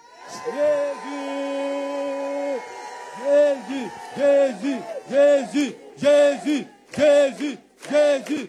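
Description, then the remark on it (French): A crowd shouts the name of Jesus Christ together on a count of three, starting with one long drawn-out cry and then chanting it in about six loud, rhythmic bursts with short pauses between them. “Donc, je vais compter jusqu'à trois et on va crier le nom de Jésus-Christ.”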